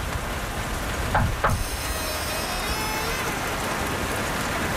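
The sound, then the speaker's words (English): Two quick, dull knocks on the door of an apparently abandoned place with no electricity, spaced a fraction of a second apart, rising briefly above a steady hiss of rain that continues alone afterward. “Can you knock on the door?”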